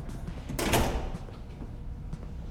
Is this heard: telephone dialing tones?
no